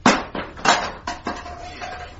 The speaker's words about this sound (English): The cat put back its ears and fled. It jumped at the fence, missed its footing, and fell with a clump and a clatter among a pile of discarded plastic plant pots.